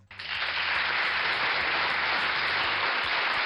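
A burst of applause starts abruptly and holds steady, a dense, even wash of many hands clapping at moderate loudness throughout, with no voices over it.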